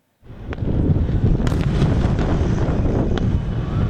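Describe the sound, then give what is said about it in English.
Fireworks at the stroke of midnight marking 79 years of Pakistan's independence explode in a dense, continuous barrage, a heavy rumbling roar punctuated by a few sharp, crackling bangs, loud, with no voices heard. “Pakistan is marking 79 years of independence, celebrations starting with fireworks at the stroke of midnight.”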